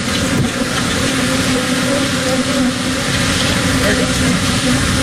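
A dense, continuous buzzing drone fills the scene, steady and loud throughout, from swarms of about 2 million bees that escaped in Texas when the truck carrying them flipped over, with a low engine-like rumble mixed underneath.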